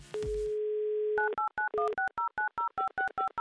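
A steady telephone dial tone hums for about a second, then gives way to a quick, even run of about a dozen keypad dialing beeps as the radio station Humor FM calls a listener in Balashikha for an on-air game, clear with no voices.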